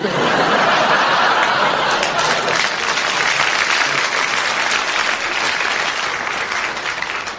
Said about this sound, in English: Thank you for that applause.